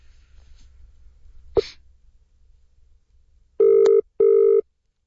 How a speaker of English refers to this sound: Now, we usually wouldn't do this live on air, but let's see if we can ring him on air and see how he's travelling. Here we go.